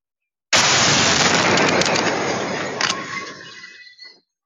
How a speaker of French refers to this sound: La scène de l'explosion, filmée dans son intégralité.